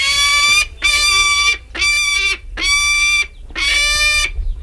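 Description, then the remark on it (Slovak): A captive-bred peregrine falcon from a breeding station in Rozanovce, eastern Slovakia, gives five loud, harsh begging calls for meat, each wailing cry lasting about half a second, separated by short pauses in a steady rhythm. “Sokol sťahovavý.”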